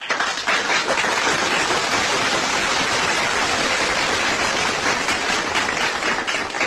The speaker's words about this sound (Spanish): Las personas que están preparando platos calientes, quienes cosen ropa interior, los que leen cuentos y pintan caritas a los pequeños de los refugios. Para ellos, aplausos.